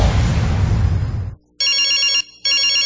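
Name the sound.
phone ringing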